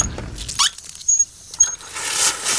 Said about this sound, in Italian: Bene ragazzi, tra le varie funzioni della borraccia c'è anche quella, quando la riempi, che ti dice la temperatura giusta dell'acqua. Ad esempio, adesso un attimo la riempio sotto il rubinetto.